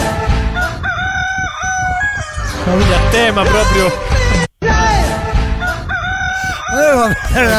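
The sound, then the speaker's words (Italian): Loud chickens clucking busily while a rooster crows repeatedly, filling the scene almost without pause apart from one brief gap; a voice speaks briefly underneath the poultry noise. “Ma ce n'è un'altra a tema gallina.”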